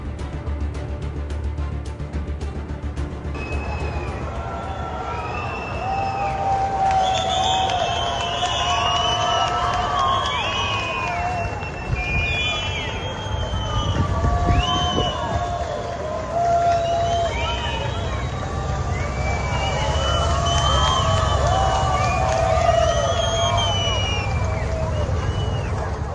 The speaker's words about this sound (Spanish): A mí sí que me parece llamativo que se le dé esa pitada al autobús.